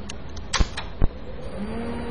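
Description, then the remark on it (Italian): Two sharp mechanical clicks of a rotary switch turned from DC off to DC on, then a PDP-11 minicomputer powers up as its processor starts, its low motor hum rising steadily over a constant background drone. “La macchina si è avviata, vale a dire che il processore si è acceso.”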